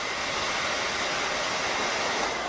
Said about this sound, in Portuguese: Em vez de responder, Skandor aparece com um secador de cabelos.